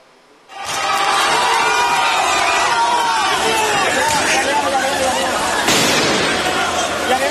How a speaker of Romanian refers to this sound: Sunt proteste violente la Bruxelles astăzi. Angajații din transportul public au ieșit în stradă. Unii manifestanți au aruncat cu obiecte și artificii în forțele de ordine, iar lucrurile au escaladat.